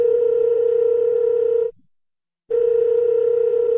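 A steady, loud telephone dial tone hums alone, cuts out for nearly a second of silence, then resumes at the same pitch and volume.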